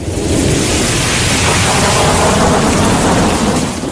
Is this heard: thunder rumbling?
yes